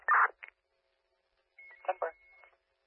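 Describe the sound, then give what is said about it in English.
Short electronic telephone keypad tones beep at the start, followed by a steady high tone running under a few muffled, phone-quality voice fragments; fairly quiet and brief. “Make some phone calls first.”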